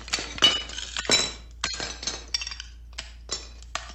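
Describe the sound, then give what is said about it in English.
Old china plates are broken by a mosaic artist in a quick series of sharp crashes and clinks, with pieces tinkling and scattering between the breaks. Fairly loud, no voices. “After that, he couldn't break the plates fast enough.”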